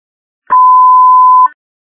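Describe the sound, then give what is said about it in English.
A single loud electronic alert tone from an iPhone crash detection notification holds one steady pitch for about a second, starting and stopping abruptly with a faint click, with no voices and silence on either side. “There's an iPhone crash notification.”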